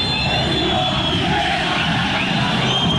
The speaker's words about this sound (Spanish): La manda fuera lateral, cuando el árbitro, Yael Falcón Pérez, viene la silbatina. Viene la silbatina que se viene.